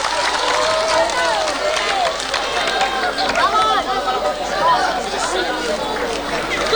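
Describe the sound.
An audience claps steadily for several seconds, the applause blended with lively crowd chatter and scattered cheering voices, holding at an even, fairly loud level throughout.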